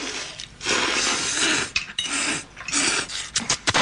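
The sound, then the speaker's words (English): A class of Japanese students loudly slurp spaghetti in a scene from the film Tampopo: long, hissing sucking noises in two main bursts, followed by quicker, choppy slurps and smacks, with no talking. “Okay, that's a lot of slurping.”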